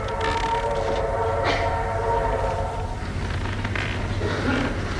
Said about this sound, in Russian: Федор один стоит на платформе и машет вслед уходящему поезду.